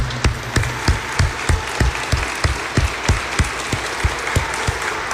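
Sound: audience applauding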